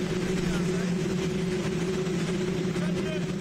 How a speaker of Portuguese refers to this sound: Quem acompanhou a transmissão oficial pelo YouTube só ouviu isso: um áudio totalmente distorcido pelo ruído do helicóptero.